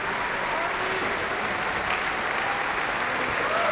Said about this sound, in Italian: Ecco intanto gli applausi per Francesco Ivan Ciampa però, e per l'orchestra.